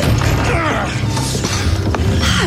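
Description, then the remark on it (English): A wooden door creaks open slowly, its long, strained groan rising and bending over a couple of seconds, fairly loud against a low background rumble. “Open the door.”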